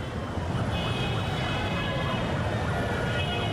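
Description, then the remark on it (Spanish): Busy city traffic fills the scene with a steady, dense rumble, while an emergency siren wails and wavers through it. No one speaks. “El tráfico de la ciudad es inevitable.”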